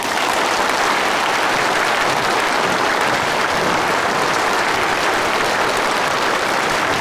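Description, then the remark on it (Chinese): Sustained, enthusiastic applause from a large crowd of students at a college, welcoming the Trident team of the Ping'an City Public Security Bureau, a dense and steady wash of clapping that stays loud and even for about seven seconds, with no voices over it. “让我们以最热烈的掌声欢迎平安市公安局三叉戟团队来我院莅临指导。”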